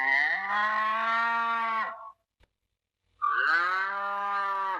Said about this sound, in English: Cow. This is a cow. Cow. What does a cow say?